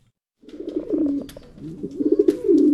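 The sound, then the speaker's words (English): Pigeons coo in low, throaty, rolling bursts, overlapping in a steady murmur with occasional soft flutters and clicks, in a small barn lined with stacks of cages near Catherine L. Albiani Middle School in Elk Grove, Sacramento region, with no one speaking. “Stacks of cages line the walls, many of which are holding a pigeon or two.”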